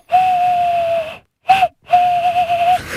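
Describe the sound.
Three breathy, hollow hooting notes made by a contestant imitating a bird call, blowing into the thumbs of cupped hands: a long steady note, a brief one, then another long note that wavers at the end. Fairly loud.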